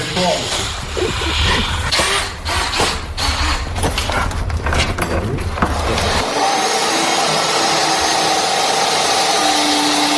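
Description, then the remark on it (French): A power saw cuts the first side plank for a wooden boat under construction, loud, with a rough rasping whine for about six seconds before settling into a steadier, higher motor drone. “C'est quoi ce grand planche là, Bertrand, que vous êtes en train de couper, de scier?”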